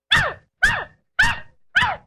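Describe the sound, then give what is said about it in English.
A dog named Rover barks four times in a steady, evenly spaced rhythm, answering the question of how much two and two is. Each bark is sharp and loud, with short silences between and no other sounds around them. “I told you he was a smart dog.”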